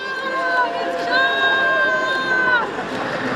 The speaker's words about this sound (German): Da jubeln Menschen. Sie stoßen in einer langen Reihe Posti-Wägeli über den Platz. Darin stapeln sich Kartonkisten voller Unterschriften. 120.000. Sie gehen an die Bundeskanzlei.